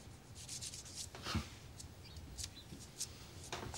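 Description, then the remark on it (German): A file rasps repeatedly in short, scratchy strokes, bright and gritty, with an irregular rhythm and a few faint chirps in the background. “Ich kann mich nicht konzentrieren bei deinem Gefeile.”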